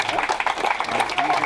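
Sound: applause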